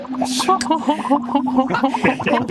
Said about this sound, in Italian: mentre tu parli con me c'è qualcuno che fa le bolle con il latte?